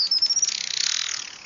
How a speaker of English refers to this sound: The Juan Fernandez Islands off the coast of Chile are home to many unique birds. Perhaps the most vibrant is a critically endangered hummingbird called the Juan Fernandez Firecrown.